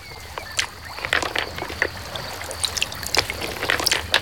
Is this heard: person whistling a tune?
no